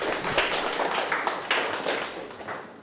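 A class of students clapping for their classmates in group 3, in a steady, dense patter of overlapping hand claps, moderately loud throughout, with no talking, fading slightly toward the end.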